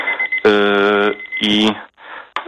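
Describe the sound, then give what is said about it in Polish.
A tea-brewing timer alarm beeps loudly, a long electronic tone followed by a shorter one, with faint background noise between them. “Nie, to nie był budzik, to był zaparzania herbaty. Właśnie mi minął, ale teraz rozmawiam, także nie ma problemu.”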